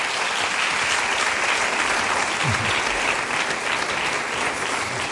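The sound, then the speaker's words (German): Sustained applause from an audience, a dense, steady wash of many hands clapping at an even loudness for the full length, with no pause or build. “Und dieses Gefühl, Applaus, ich meine jetzt, das ist ja ein überschaubarer Rahmen und wir haben vorhin über die Waldbühne gesprochen und so, diesen Applaus, es gibt ja dann wirklich von Künstlern auch das Feedback, also man gewöhnt sich da dran”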